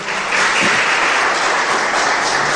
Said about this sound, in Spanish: ¿Cuántos dicen gloria a Dios? Denle un aplauso fuerte a Jesucristo.